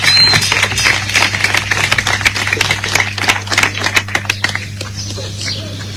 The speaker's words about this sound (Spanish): Un aplauso cordial para recibir la voz de nuestros estudiantes.